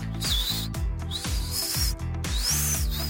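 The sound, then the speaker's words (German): A person whistles through a tiny gap in the front teeth: three thin, high, wavering whistles rising and falling, fairly loud, over a steady low rumbling background. “Ich kann auch noch mit den Ohren wackeln und durch ein Mikromillimeter Zahnlücke vorn, hier beim, kann ich auch pfeifen.”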